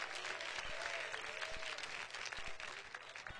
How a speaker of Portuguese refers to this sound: Aplauso para Cristo. Pode louvar o nome dele.